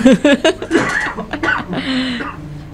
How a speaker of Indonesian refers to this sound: Kenapa sih harus batuk lagi?